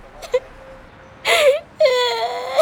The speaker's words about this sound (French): … pleure de trottoir en trottoir.